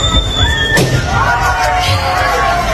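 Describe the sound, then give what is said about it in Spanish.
A person whistles a high, steady tone, then another person pops a balloon with a pin in a single sharp pop. More wavering whistling follows over a low murmur of background noise. “Una persona silbando y otra explotando un globo con un alfiler”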